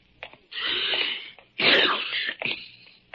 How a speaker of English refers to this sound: Ah, confound it. I do not have a cold. A man can sneeze, can't he?